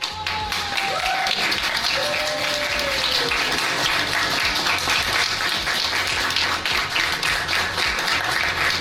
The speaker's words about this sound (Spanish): Y que por supuesto también fue ovacionado con muchos minutos de aplausos continuos, lo acabo de ver.